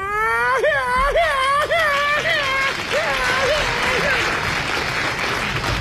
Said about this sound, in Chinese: 您别鼓掌了